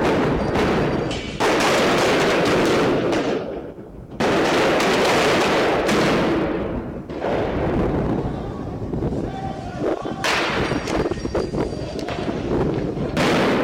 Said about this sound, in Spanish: Los disturbios comenzaron cerca a las 14 horas en inmediaciones de la vicepresidencia del Estado, donde los movilizados se enfrentaron con la policía en medio de detonaciones de petardos y dinamitas.